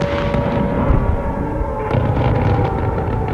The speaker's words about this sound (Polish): O 3 w nocy słychać było szczególnie silne i częste wybuchy. Rosja w ciągu około 20 minut atakowała 22 rakietami balistycznymi.